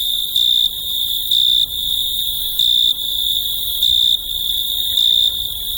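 A continuous high-pitched trill of male crickets rubbing their wings together in the evening, swelling into louder bursts about once a second over a faint background hiss. No voices are heard.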